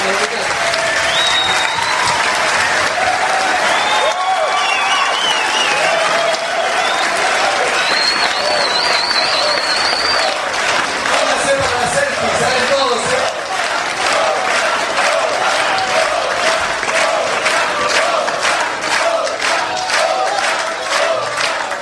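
Sustained applause from an audience, dense steady clapping with some cheering and whistles mixed in, loud throughout the whole stretch.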